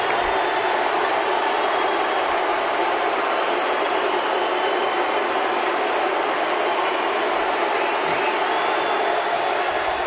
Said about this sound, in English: Listen to that applause